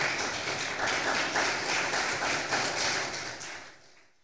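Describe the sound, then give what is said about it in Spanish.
A crowd applauds with dense, steady clapping that holds for a few seconds before tapering off toward the end; no one speaks over it. “¿Cuántos dicen gloria a Dios? Le damos un aplauso, por favor.”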